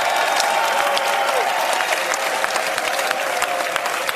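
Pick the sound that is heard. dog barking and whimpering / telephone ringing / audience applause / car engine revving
audience applause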